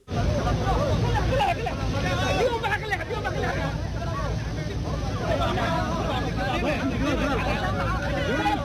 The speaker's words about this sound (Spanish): Hace algunas horas el árbitro aterrizó en Mogadishu, la capital de Somalia, y fue recibido como un héroe, vestido con su indumentaria de la FIFA, lo arroparon con la bandera de Somalia, lo abrazaron, exaltaron y vitorearon. Escuchemos.